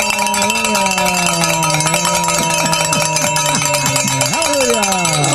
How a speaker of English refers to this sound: And you might want to grab that bell over there, because we're going to start ringing it real loud, because we have made the goal, Father.